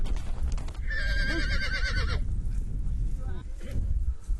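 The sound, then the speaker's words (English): A strong horse of about 3 years, raised in semi-wilderness, lets out one loud, quavering whinny lasting over a second while resisting being tamed, set against a steady low rumble of outdoor noise with fainter scuffling afterward. “The horse has been raised in semi-wilderness. It does not give in easily.”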